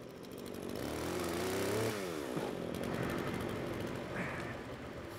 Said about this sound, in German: Mit der Motorsäge kann er auf jeden Fall besser umgehen als ich.